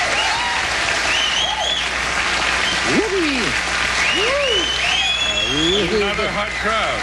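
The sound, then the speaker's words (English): A crowd claps loudly and steadily for several seconds, a dense wash of applause with rising and falling whoops and cheers breaking through it. “Another hot crowd.”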